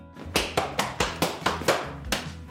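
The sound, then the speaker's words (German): Sharp, rhythmic slapping of a Schuhplattler dance by an 11-year-old boy in Lederhosen practising: hands smacking thighs and shoes in a quick, slightly uneven pattern, about a dozen crisp hits, clear with no talking, during preparations for a youth traditional-costume festival in Pfaffenhofen, Bavaria. “In seiner Lederhosen übt der 11-jährige Josef Schubladeln”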